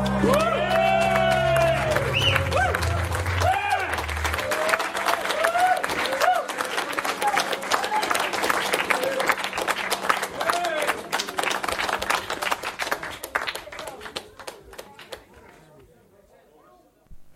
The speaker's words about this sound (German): Cute, wie der Applaus ausgeplätschert ist. Ja, das waren die Leute, die hier vorm Studio stehen und eben mitgehört haben, weil wir das Fenster aufhaben. Ja, völlig ausgeflippt. Zum Schluss noch so ein kleiner Nachklatscher, echt cute.